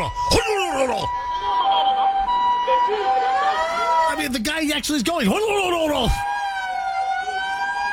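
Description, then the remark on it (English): A loud ambulance siren wails and yelps in sweeping cycles, with amplified loudspeaker announcements and a man talking over it before it cuts off abruptly near the end. “I don't know what they're saying, but they're yelling stuff on a PA while the sirens are blaring.”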